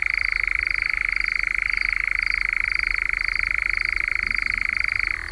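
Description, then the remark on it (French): A nightjar's steady purring churr runs unbroken for about five seconds at night, around 10 pm, while it comes out to hunt: a fast, even, mid-pitched trill that holds its loudness before easing slightly at the very end. No one speaks. “On l'entend aussi donc pousser ce ronronnement que je vous fais entendre depuis un moment.”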